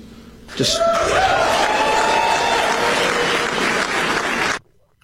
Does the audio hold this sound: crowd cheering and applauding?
yes